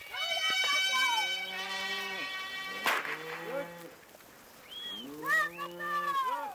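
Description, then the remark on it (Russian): Several cows in a grazing herd moo in long, drawn-out calls that overlap one another, loud, with a brief pause before another round of lowing starts, as a herdsman calls the cows together. “А слышь, пастух коров созывает.”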